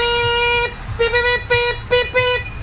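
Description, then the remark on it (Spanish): A tricycle horn honks loudly: one long sustained blast, then four shorter toots in quick, uneven succession, with no voices. “Oye, la bocina de triciclo.”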